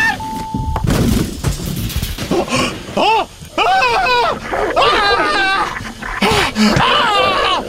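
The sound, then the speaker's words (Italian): A grizzly bear roars loudly and repeatedly in deep growling bursts, mixed with frantic shouting voices and a thud near the start. “Tento all'orso, tento all'orso. Orso, quale orso? Oddio, quanto è grande sto grizzly.”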